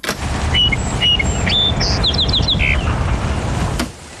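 A song sparrow, recorded at dawn on May 18, 1929, sings a bright series of whistled notes followed by a quick buzzy trill, heard through heavy crackling hiss and low rumble like an old, worn recording.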